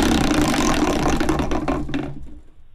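A prize wheel spins with a rapid, loud ratcheting clatter that gradually slows into separate ticks, spacing out and fading as it comes to rest.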